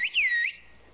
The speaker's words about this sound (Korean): 목소리처럼 휘파람 소리가 다 달라서 휘파람만 듣고도 누구인지 안답니다. 긴 말보다는 짧은 문장으로 대화한다네요.